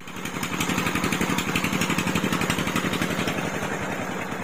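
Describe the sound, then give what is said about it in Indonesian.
A motorcycle taxi engine idles steadily with a rapid, even putter and a low throbbing hum, loud and constant throughout with no voices. “Ojek, kakawanya.”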